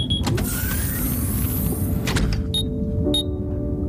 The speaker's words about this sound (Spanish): El módulo 14C del buque submarino emite un pitido. La cápsula de Indiana se cierra mientras la respiración de su ocupante se va ralentizando, acompasada por el suave oleaje marino.